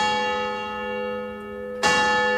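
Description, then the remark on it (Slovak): Church tower bells ring out with a rich, sustained hum of overlapping tones, then a fresh loud clang strikes near the end and sets the peal resonating again. No voices are heard. “Dal vyzváňať na kostolnej veži a jeho pomocník z celej sily vykrikoval.”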